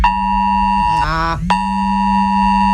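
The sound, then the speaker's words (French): A loud, piercing FR-Alert emergency warning tone sent with an SMS to all mobile phones around the Lac du Gabas near Soumoulou, France, during a drill: steady harmonic buzzing tones that shift into a warbling, sweeping section mid-clip, then return to the steady harsh tone. “Mais c'est fait exprès, c'est un message d'alerte, FR Alerte, un dispositif avec une sonnerie et un SMS envoyé à tous les portables qui se trouvaient autour du lac du Gabas.”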